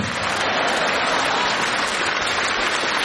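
Steady audience applause fills the whole stretch, a dense, even wash of many hands clapping with no pauses and no one speaking.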